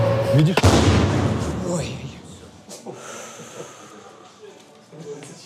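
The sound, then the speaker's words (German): The explosive charge of a Russian drone that missed its target detonates within the first second, a sharp blast followed by a rumbling roar that fades into quieter, unsettled background noise. “Diese Drohne hat ihr Ziel verfehlt. Ihre Sprengladung ist trotzdem explodiert.”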